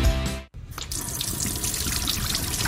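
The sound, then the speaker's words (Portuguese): A short tonal sound cuts off, then a faucet runs steadily into a sink, a continuous splashing rush of water with no voices. “Dê adeus ao banho frio e à água gelada na pia.”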